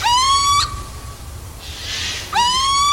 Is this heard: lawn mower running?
no